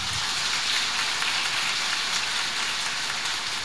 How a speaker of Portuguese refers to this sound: Se tu queres viver assim, bate palmas para Deus.